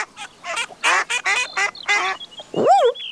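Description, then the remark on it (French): A flurry of ducks on a large pond quacking in quick, repeated bursts, loud, followed by a rising, swooping call at the end; no talking. “quand il entend... Oh. Tiens, des canards.”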